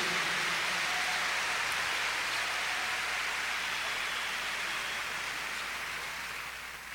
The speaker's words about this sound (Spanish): Denle el aplauso fuerte a nuestro Dios. Más fuerte el aplauso a Jesucristo. Bendito sea Jesús. Más fuerte el aplauso a Jesús. Más fuerte el aplauso a Cristo.